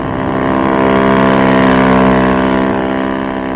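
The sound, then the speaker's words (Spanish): A speedboat engine drones steadily on the water as the launch, crewed by the captain of the Príncipe Carlos and several officers, heads toward the Reina Victoria; a loud, harmonic motor hum that swells slightly in the middle and holds for several seconds with no voices. “Una lancha rápida, tripulada por el capitán del Príncipe Carlos y varios oficiales, fue echada al mar.”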